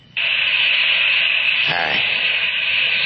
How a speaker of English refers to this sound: It is chilly in here. A little more cold water on the hot rocks.